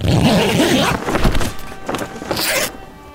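A zipper on the belly of a specially designed camel carcass used for a warming treatment rasps shut in a few quick, scratchy pulls lasting about three seconds, ending in a brighter, hissing final stretch, while a voice murmurs briefly at the start.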